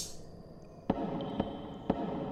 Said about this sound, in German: Was war das? Was war was? Habt ihr das Klopfen nicht gehört?